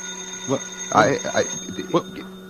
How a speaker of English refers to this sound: I'll get the phone. There'll probably be another job, and we'll never get out of here. Let it ring.